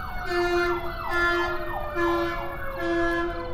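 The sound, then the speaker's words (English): A loud emergency vehicle siren wails in a repeating two-tone pattern, cycling about four times with traffic rumble underneath, steady as it passes. “There's certainly no uniformity in their thought processes as the siren goes by.”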